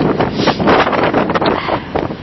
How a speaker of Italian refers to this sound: Sentite il vento?